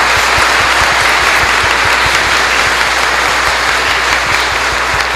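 An audience applauds steadily to welcome a guest at a diocese gathering, a dense wash of many hands clapping at a loud, even level for the whole stretch, with no voices rising above it.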